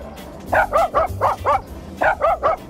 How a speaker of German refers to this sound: Ja, jetzt schnappen wir uns mal Waldis Bellen und zaubern daraus einen HR4-Hit. Und das klingt dann so.